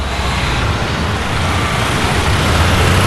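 An automobile club tow truck drives away, a steady, loud wash of engine and road noise that stays even throughout, with no voices.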